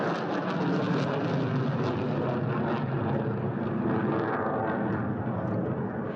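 An Airbus A350-1000 jet airliner flies overhead at the Farnborough International Air Show, its engines producing a dense, steady roar with a hissing upper edge that stays loud and even throughout, with no voices.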